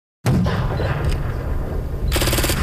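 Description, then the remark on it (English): Loud, sustained automatic gunfire rattles on with heavy booming underneath, a dense continuous barrage of rapid shots and blasts with no voices: simulated gunfire and explosions in a reenactment of a 2008 Afghanistan ambush, staged on flat dusty terrain by a lone brick building at CFB Wainwright military base, Canada. “Flat dusty terrain, a lone brick building, and simulated explosions can be seen at CFB Wainwright.”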